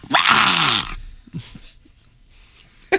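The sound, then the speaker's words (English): A dog named Iggy lets out a single loud, raspy growl lasting under a second, harsh and noisy with a rough throaty buzz, followed by quiet with a few faint shuffles. “Iggy growling?”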